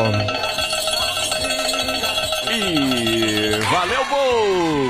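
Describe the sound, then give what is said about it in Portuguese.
A shaken cowbell rattle (chocalho) and small bells ring and rattle steadily on a forró radio show, their bright metallic tones sustained throughout, while a loud voice with swooping, gliding pitch carries over them. “Eu balango o chocaio daqui, cê balango os sininhos da felicidade daí, às 2h15.”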